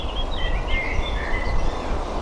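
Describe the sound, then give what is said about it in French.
Blackbird and warbler song in a forest: clear whistled phrases and warbling notes trade back and forth over a steady low background rumble, with no talking. “Là, on entend le merle, on va entendre aussi la fauvette, qui a un chant assez particulier.”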